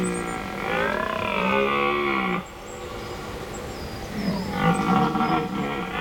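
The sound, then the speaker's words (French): Two long, deep bellowing roars of a red deer stag (Cervus elaphus) at night in a forest, each rising and falling in pitch with a rough, groaning harmonic tone, separated by a short pause; no speech. “J'y suis ! C'est le cerf Elaf. Le Cervus Elaphus en latin.”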